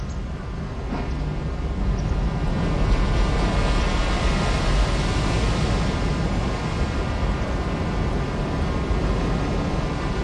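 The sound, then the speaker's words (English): A continuous, rumbling roar of ocean water recorded in Fukushima, Japan, about 1 kilometer from a nuclear power plant after the tsunami, layered with sustained droning tones, holding a steady loudness throughout without distinct individual wave crashes, and no voices. “It's all with the sound of ocean, which I recorded in Fukushima in Japan.”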